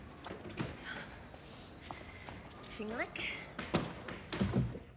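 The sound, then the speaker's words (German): Footsteps shuffle, followed by a few solid thuds like a door being shut, with a brief voice murmuring faintly in the middle. “Und die Tür zu machen.”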